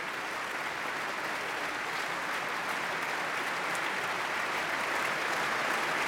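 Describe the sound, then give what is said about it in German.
Sustained, dense applause from a large concert hall audience in the Berliner Philharmonie, Berlin, after an orchestra concert, steady and full throughout with no talking, a broad wash of many hands clapping at once. “Und der Applaus ist groß, riesig.”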